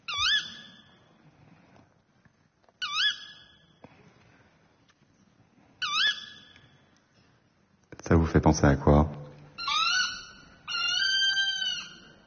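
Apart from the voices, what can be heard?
tawny owl call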